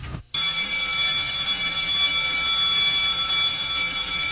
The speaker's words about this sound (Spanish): ¡Hey, hey, hey! Ya dieron el timbre y aquí comienza.